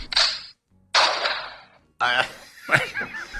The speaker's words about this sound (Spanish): La verdad es que no sé cuál de los dos es peor. Bueno. En este sentido... Ambos son tiros.